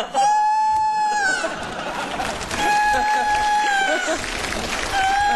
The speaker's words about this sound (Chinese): 这咋还打鸣呢？你这还？ 哎，大叔，那鸡咋没抱了呀？